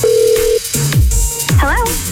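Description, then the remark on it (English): A steady phone dial tone gives way to quick dialing beeps and descending electronic tones, then a warbling ring, all clear and close in a brief produced phone-call effect for the Phone Taps prank call segment on radio station G96.7. “It's a phone call you don't want your friends to hear.”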